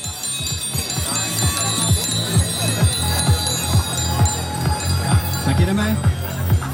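A bicycle bell rings over and over in a quick, steady rhythm, bright and metallic, rung by cyclists riding out of a zone of silence in a city, against a busy, murmuring background.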